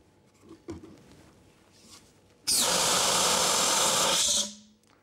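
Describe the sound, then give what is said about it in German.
A CO2 fire extinguisher, a pressure bottle holding liquid carbon dioxide under high pressure, fires a loud, steady blast of hissing gas through a valve for about two seconds, cooling so strongly that the CO2 freezes into carbon dioxide snow, cutting off sharply after a short quiet stretch of faint handling sounds. “Diesen Effekt kann ich Ihnen mit einem speziellen Feuerlöscher sehr schön demonstrieren.”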